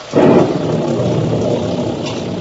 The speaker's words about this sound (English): The squall engulfed us now. The rain was blinding when one couldn't tell where it ended and the ocean began.